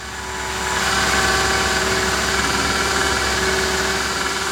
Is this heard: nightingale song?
no